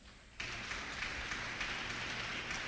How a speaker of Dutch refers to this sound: Vrouwen, en ik mag u complimenteren, de vrouwen van dit huis. Geef u zelf een applaus.